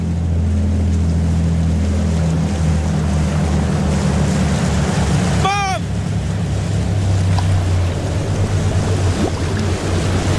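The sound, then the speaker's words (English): A boat engine drones steadily and loudly over rushing water and wind throughout, with a single shouted call from a person about halfway through. “Get him in the boat.”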